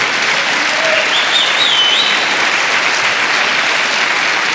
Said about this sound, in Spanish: Alguien dele palmas al Señor por eso.